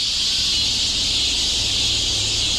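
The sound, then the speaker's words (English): A dense, steady buzzing drone of cicadas in summer fills the air, loud and continuous without pauses, with no voices present. “So, you can actually find a website where you can listen to 10 hours of cicadas in the summer.”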